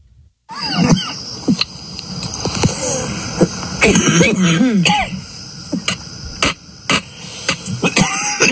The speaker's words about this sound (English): A little bit of a cough. Hard to talk. Uh-huh. After hitting that. It's like 99% THC.